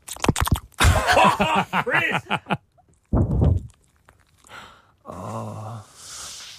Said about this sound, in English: Is it still going? There's still worse to come. It's my dog sleeping, by the way.